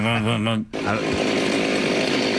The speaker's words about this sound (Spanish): Vamos a escuchar primero la motosierra.